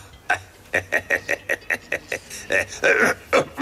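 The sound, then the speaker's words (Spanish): A harsh, hacking coughing fit: a rapid string of about a dozen short, rough coughs, building into heavier, wheezy bursts toward the end. “Tienes una tos muy mala, amigo.”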